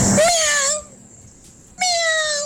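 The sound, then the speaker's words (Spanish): A cat meows twice, two loud, drawn-out, high-pitched calls separated by a short quiet pause, with the second cry cut off at the end. “Soy un gato. ¡Miau!”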